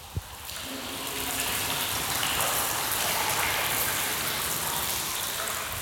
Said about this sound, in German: Der Regen hörte nicht auf. Es war ein schrecklicher Regen, ein Dauerregen, ein schweißtreibender und dampfender Regen. Eben noch ein Sprühregen, jetzt ein Platzregen, dann ein Wasserfall.